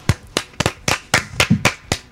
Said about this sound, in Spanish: ¿Y ahora por qué me aplauden? No, porque ahora con las manos.